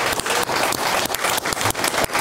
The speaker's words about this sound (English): A huge round of applause for political commentator Arna Kapala.